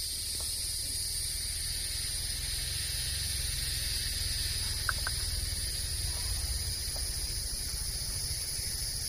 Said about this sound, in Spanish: Y tenemos aquí unas chicharras también, grillos con chicharras.